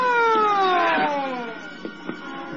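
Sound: ambulance siren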